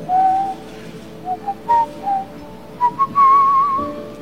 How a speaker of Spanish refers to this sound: Sí. Todavía silbo.